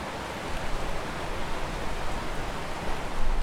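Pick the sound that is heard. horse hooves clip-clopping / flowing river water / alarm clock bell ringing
flowing river water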